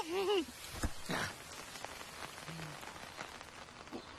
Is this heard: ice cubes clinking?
no